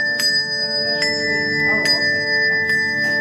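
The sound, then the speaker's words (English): The Ring Sarasota bell ensemble, which plays themed shows of popular hits, rings a melodic tune, with bright strikes about once a second over sustained, overlapping ringing tones, steady and moderately loud, with no voices. “Ring Sarasota isn't your typical church bell group. The ensemble plays themed shows to popular hits.”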